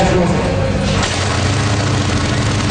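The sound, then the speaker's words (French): A motorcycle engine runs steadily and loudly at the Festival de la moto du Québec in Cleveland, Estrie: a continuous low throbbing rumble that shifts its tone slightly partway through before settling into an even drone. “En cette longue fin de semaine, bon nombre de deux roues filent dans les rues bucoliques de Cleveland en Estrie.”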